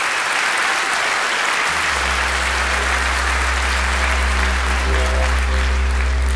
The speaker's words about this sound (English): Ladies and gentlemen, give a nice round of applause to this wonderful group. And the man's name is … from Australia. Give him a nice hand.